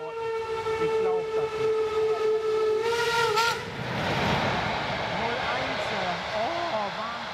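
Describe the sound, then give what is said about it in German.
A train sounds a long, steady whistle at Schwanheide station, a former GDR border station, for about three seconds, then rumbles and hisses while faint voices talk in the background. “Schwanheide, früher DDR-Grenzbahnhof.”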